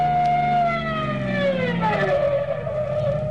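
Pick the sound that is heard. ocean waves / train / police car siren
police car siren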